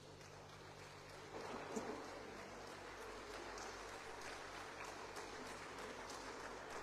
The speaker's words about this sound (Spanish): Le damos un aplauso a las comunidades que han llegado.